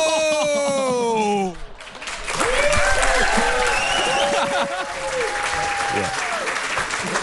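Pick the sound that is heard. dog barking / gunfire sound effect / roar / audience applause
audience applause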